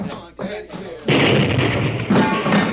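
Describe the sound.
After a second of low murmuring voices, a loud explosive blast from a fused blaster blows a bank vault wide open, bursting in and rolling on as a sustained roaring rumble, swelling again briefly near the end.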